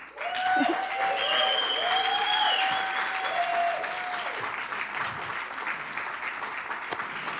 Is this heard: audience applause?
yes